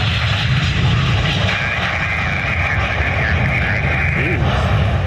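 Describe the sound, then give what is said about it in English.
A cargo plane's tail skids along the runway, throwing sparks, after an aborted landing attempt in Lexington, Kentucky: a loud, steady roar of jet engines with a sustained high grinding scrape riding on top for several seconds, then fading. “The sparks fly as a plane's tail skids on the runway after it aborted an attempted landing.”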